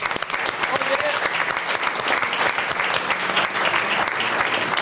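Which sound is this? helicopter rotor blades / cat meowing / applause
applause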